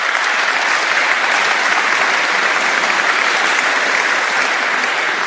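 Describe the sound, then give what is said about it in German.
A crowd applauds steadily for about five seconds, a dense, even wash of many hands clapping at constant loudness with no voices standing out. “Und jetzt nochmal bitte ein großer Applaus für Sie alle.”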